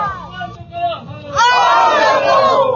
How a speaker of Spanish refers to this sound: Nuevamente hagamos ese grito revolucionario para mostrar la firmeza del pueblo que está pidiendo la renuncia de este gobierno.